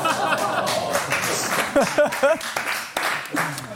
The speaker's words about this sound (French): Les spectateurs, le premier applaudissement de notre histoire ici.